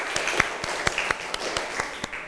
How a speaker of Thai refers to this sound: ปรบมือดังๆให้เพื่อนอีกหนึ่งครั้ง